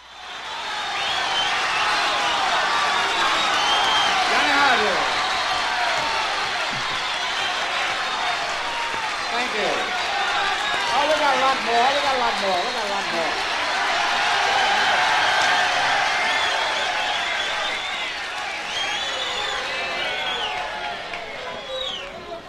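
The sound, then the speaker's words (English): A loud, dense wall of crowd noise on an original live jazz recording during a solo: steady roaring cheers and shouts with whistles and chatter mixed in, holding strong for the full stretch before easing slightly at the end. “As a result, the original recording of this has an enormous amount of crowd noise, and it makes it all the more exciting.”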